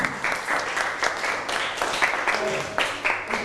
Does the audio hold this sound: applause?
yes